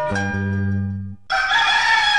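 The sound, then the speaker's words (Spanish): A rooster crows loudly, a strained, drawn-out call that rises into a harsh, bright finish, with a lower droning tone just before it, at the start of the morning radio programme Amanecer Indígena. “Con el canto de las aves, el sonido de las aguas, el despertar de las personas.”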